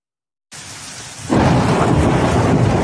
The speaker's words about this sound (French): Au grondement du tonnerre, s'ajoute un déluge de grêlons. En quelques instants, l'Ardèche voit s'abattre sur elle des glaçons de plusieurs centimètres de diamètre.